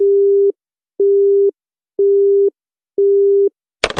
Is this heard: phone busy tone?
yes